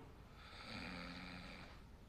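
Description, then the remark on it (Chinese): A single drawn-out snore with a rough, buzzing rattle, rising and fading over about a second. It sounds fairly soft, with no talking alongside it. “你看，你看，后面都打呼噜了。”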